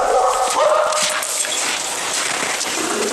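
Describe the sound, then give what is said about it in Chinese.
A male and a female wolf, strangers meeting for the first time in a small cage during a mating attempt, yelp and whine in a continuous, agitated tangle of loud high cries and rough snarls, with no talking over them. “陌生的狼即便是不同性别初次见面也可能引起打斗，所以并不大的笼子中间还要隔开。”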